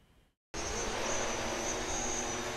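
After a brief quiet moment, a loud transport drone abruptly roars to life, its steady, dense whirring and high-pitched motor whine holding at full strength as it sets off from St. Josef hospital in Essen carrying patients' blood samples to a medical laboratory 8 kilometres away.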